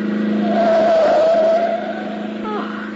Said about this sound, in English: That car coming. Boy, is he traveling. Why, that crazy fool.